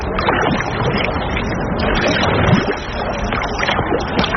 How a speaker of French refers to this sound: Autre façon de découvrir le coin, monter à bord du Val d'Orne, un bateau promenade qui glisse tranquillement sur le lac.